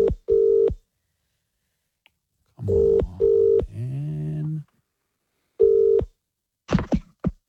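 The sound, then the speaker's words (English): A telephone line rings with short paired electronic tones, three times in a row, as a lucky listener's phone is being called, while a voice speaks briefly between rings; a few sharp clicks follow at the end. “Everybody look at your phones now. We are calling one of you.”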